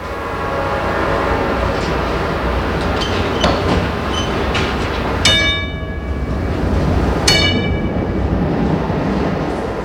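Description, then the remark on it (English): A Pittsburgh trolley running into the South Hills rumbles steadily along its tracks with a low, continuous roar and rattling wheels, broken by two sharp, bright metallic squeals partway through. No one speaks. “they still run into Pittsburgh's South Hills and connect with the downtown subway system”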